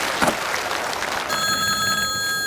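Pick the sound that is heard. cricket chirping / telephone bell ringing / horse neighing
telephone bell ringing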